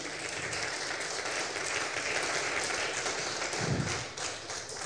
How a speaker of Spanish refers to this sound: Dale un fuerte aplauso al Rey de Reyes, Señor de Señores, amén.